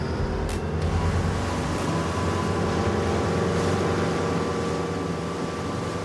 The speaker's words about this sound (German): Das Boot legt an und Papa hilft Lukas einzusteigen. Ab geht die Fahrt.